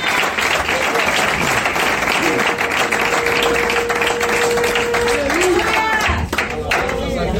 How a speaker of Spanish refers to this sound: Si va a aplaudir, hágalo bien, hermano, por favor.